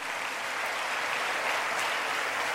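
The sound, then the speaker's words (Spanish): A crowd applauds steadily, a dense wash of many hands clapping at an even, fairly strong level from start to finish with no voices rising above it, applause at a Spanish-language worship gathering given to Jesus, called "the divine garbage collector". “Denle un aplauso al divino basurero.”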